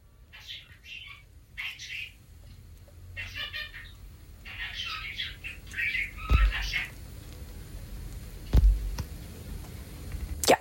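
A talking pet bird chatters in short, high, raspy bursts of mimicked speech-like sounds, recorded in a voice message, with a few sharp clicks and thumps mixed in and no human voice.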